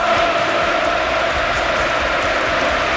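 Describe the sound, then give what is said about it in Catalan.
In Manchester, a large stadium crowd of Manchester City supporters applauds Pep Guardiola's farewell, a dense wash of clapping and cheering that stays loud and even throughout, with no single voice standing out. “Manchester, ahir Pep Guardiola es va acomiadar dels seguidors del City entre aplaudiments.”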